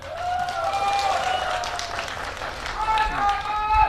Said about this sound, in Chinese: 在我们的比赛过程当中，也希望大家能够加油，送给我们的双方运动员加油！请先把我们的掌声送给我们的双方运动员。